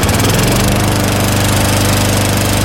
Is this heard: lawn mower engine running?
yes